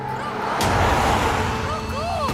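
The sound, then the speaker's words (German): Loud, steady rumble and whoosh of cars passing on a street, filling the whole moment, with a few faint rising-and-falling whistle-like calls near the end. “Doch die vorbeifahrenden Autos sind zu laut”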